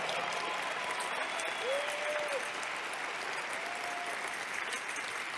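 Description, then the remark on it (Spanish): An audience breaks into sustained applause for the Lord during a church sermon, a dense, steady wash of clapping that stays loud and even throughout, with a few faint tonal sweeps and murmurs beneath it. “Ah, yo creo que tú le puedes dar un mejor aplauso al Señor.”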